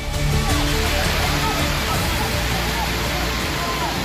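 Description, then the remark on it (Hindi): A steady, loud roar of rushing floodwater fills the whole stretch without letting up, with indistinct voices faintly mixed into the churning noise, in Rajouri, where Rashtriya Rifles soldiers used ropes and a human chain to bring stranded people across the strong current. “सामने उफनता पानी था, हर कदम पर बह जाने का खतरा, लेकिन जवान रुके नहीं।”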